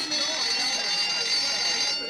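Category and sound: signal or alarm, school bell ringing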